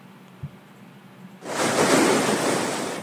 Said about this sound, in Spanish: La advertencia del nuevo oleaje llega mientras en San Clemente, Manabí, ya se registran fuertes golpes de mar. Las olas alcanzaron estructuras ubicadas cerca de la playa y generaron preocupación entre habitantes de esta zona turística y pesquera.